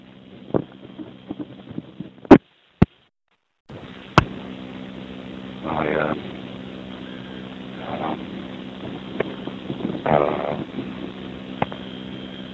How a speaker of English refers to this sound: But so walking around on a very windy morning, windy afternoon, and so that there was sun out.